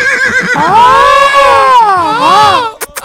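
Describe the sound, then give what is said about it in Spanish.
A horse whinnies loudly, a long wavering neigh that rises and falls for over two seconds, followed by a few sharp clattering knocks at the end. “¿Puedo sacar mi caballo, carnal?”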